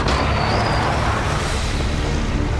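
truck engine driving off

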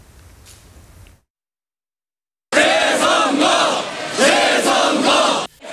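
protest crowd chanting

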